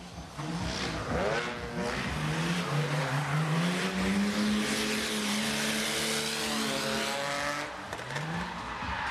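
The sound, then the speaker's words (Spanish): A car engine revs hard with rising and falling pitch while tires screech and hiss continuously, loud throughout, as a car slides sideways during a drift exhibition at a car event. “Los asistentes pudieron disfrutar de distintas iniciativas, entre ellas exhibiciones de derrapes, por ejemplo.”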